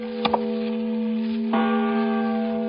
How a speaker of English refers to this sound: And the voice of a great bell proclaiming liberty.